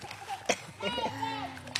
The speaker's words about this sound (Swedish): Plask, plask.